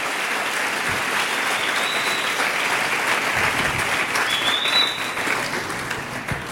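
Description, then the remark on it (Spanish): Sustained audience applause for "the blessed King" (God), a dense, steady wash of clapping that holds at an even level for several seconds, with a couple of brief high whistles or cheers rising above it. “Pero eso, dele un aplauso fuerte al Rey bendito.”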